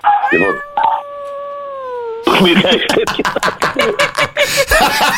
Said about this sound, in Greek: Έχει ακούει το σκυλί από πίσω, ε. Κάτσε πάνω το σκύλο μέσα, παιδιά.